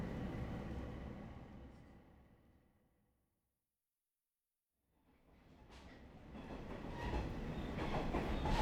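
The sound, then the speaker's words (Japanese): A train rumbles along the rails as it approaches its terminus, Yunomae, its heavy rolling noise fading away to near silence, then returning and building louder with rattling, clattering wheel noise. No voices. “ご乗車ありがとうございました。まもなく終点湯の前です。”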